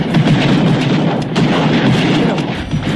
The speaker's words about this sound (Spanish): Eso es que son los fuegos artificiales de Boca Sur que hay en las noches. Pero ojo, no solamente en Boca Sur se escuchan esos fuegos artificiales, en otras comunas también.